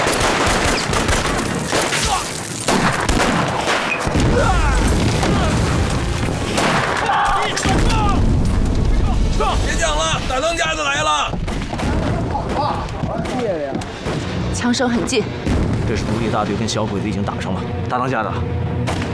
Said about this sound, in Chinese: 枪声很近， 这是独立大队跟小鬼子已经打上了。